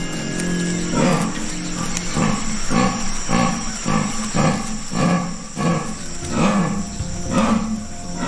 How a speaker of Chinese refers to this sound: 这一次，他听到了雌性美洲豹发情时发出的低吼声。这种叫声就像是伐木的电锯声。